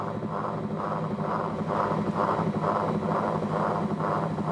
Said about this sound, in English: So the soundtrack, which is the LP, is playing. But you can also hear underneath the sound of the whirlies themselves as they rotate.